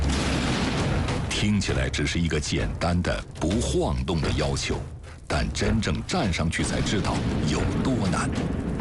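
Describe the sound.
Loud, close explosions rumble and burst in quick succession, forming a dense, continuous barrage while a voice speaks steadily over the noise, during a bomb-disposal training drill; the wooden beam underfoot shakes and smoke and flames rise as a bomb-disposal technician walks a balance beam holding a simulated explosive with a mercury column.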